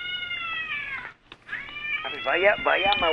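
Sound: cat meowing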